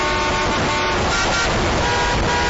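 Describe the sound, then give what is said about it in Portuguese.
Steady roar of street traffic outside a school, with cars rushing by and a car horn tooting through the dense, continuous noise. No voices. “A garotinha Suzana, sozinha, de dentro da escola, olhava assustada os carros correndo lá fora.”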